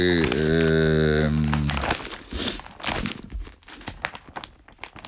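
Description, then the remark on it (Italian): A short sustained tone gives way to busy rustling and crinkling of the pages of the Il Foglio newspaper being handled, continuing in irregular bursts for several seconds with no talking. “Stiamo prendendo appunto il Foglio, che anche questo in primo piano, nella prima pagina, comunque tratta questo tema.”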